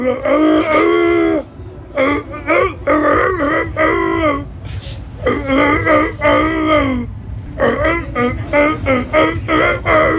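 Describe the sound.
A person imitates a wolf singing, with long, wavering, howl-like sung phrases broken by short pauses, loud and held over a steady low droning background.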